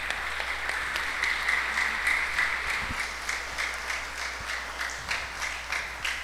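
Steady audience applause, a dense wash of many hands clapping at a fairly even level throughout, with no voices over it.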